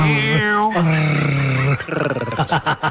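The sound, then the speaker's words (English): A man's voice imitates a dog growling, sustained, sliding in pitch, then breaking into a rough, pulsing rumble toward the end. “There's not much doing in my relationship department at the moment, but you growling like that is so off-putting.”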